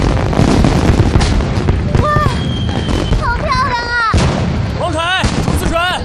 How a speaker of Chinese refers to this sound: 桥上看烟花， 这里是最佳视角哦。